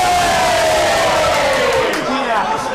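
A large rugby crowd at a Dewsbury versus Workington Town match roars and jeers loudly at play acting by a Workington Town player, a dense wall of shouting voices with a long rising-and-falling collective howl running through it, sustained for the whole stretch.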